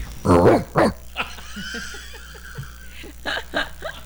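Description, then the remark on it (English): A person imitates a grown dog barking: two loud, gruff woofs, followed by soft scattered laughter and chuckling. “Let's say that there's a puppy newborn. How does he bark?”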